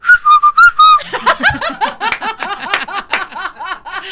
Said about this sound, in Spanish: Sé chiflar, eso sí, con los dedos. ¿Ah, sí sabes chiflar? ¿Sí? A ver.